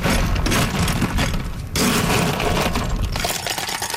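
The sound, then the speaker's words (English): Ice cubes pour noisily into a cup of blue raspberry drink, filling it up, a dense, loud clatter of knocking and rattling that runs for several seconds with one brief pause partway through. No one speaks. “So now I'll ice it, fill it up.”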